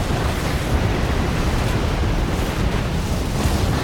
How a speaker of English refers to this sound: Flames burst from the dam's concrete wall. Water shoots out cracks, then surges forth in a monstrous wave as the dam crumbles.